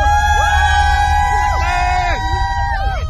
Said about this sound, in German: Mit Hamilton, Weltmeister Lando Norris, George Russell, Baehman und Lindblad sind 5 Briten am Start. Und die über 100.000 sorgen für lautstarken Jubel für ihre Fahrer.